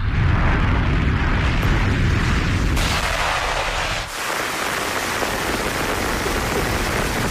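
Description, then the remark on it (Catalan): Heavy rain pours down in a dense, steady, loud hissing roar that fills the whole scene without a break, with a brief dip in intensity partway through. “I ara què? Ens hem de mullar aquí?”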